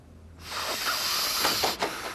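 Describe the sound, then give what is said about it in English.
A person sniffs chemical fumes hard, one long hissing inhale through the nose lasting over a second, then a brief catch before a second sharp draw of breath. “Are you trying to kill yourself? Sniffing that stuff?”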